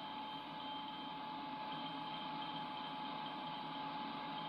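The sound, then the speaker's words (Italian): Morse code tone on a shortwave sideband signal, audible only in sideband mode and barely in AM: a thin, steady mid-pitched whistle over a dense, unbroken bed of radio hiss and static, with no voices. “Oh, un codice Morse.”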